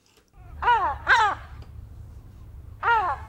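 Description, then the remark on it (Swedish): A large white herring gull called Tore, in Stockholm's Östermalm district, gives three loud, harsh squawking calls, two in quick succession and a third after a short pause, over a low steady background rumble. “Hon kallar honom Tore och han är en stor vit silltrut.”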